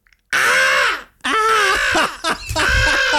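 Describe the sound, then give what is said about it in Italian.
A human voice imitates a crow, letting out three loud, harsh, drawn-out caws in close succession with brief pauses between them, heard alone. “Fare il corvo, aspetta.”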